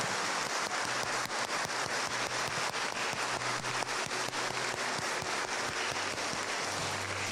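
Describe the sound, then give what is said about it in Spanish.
An audience at a Mass applauds the fathers present on Father's Day in a steady, dense wash of clapping that holds at an even level for several seconds, with a low droning hum beneath and no voices. “Pues vamos a darles un fuerte aplauso a todos los papás que están aquí presentes en este su día.”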